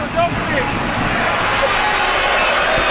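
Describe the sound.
A basketball is dribbled by Hackett on a court during a professional game involving Reyer Venezia, its repeated low thuds coming through a steady wash of crowd noise, with a voice commentating in Italian over the arena din.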